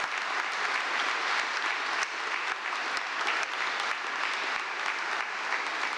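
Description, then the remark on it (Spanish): Steady, dense applause from an audience for institutions that have received an award, a continuous wash of many hands clapping at an even loudness for the whole stretch, with scattered sharper claps standing out and no voices. “Un fuerte aplauso para nuestras instituciones que han recibido este reconocimiento.”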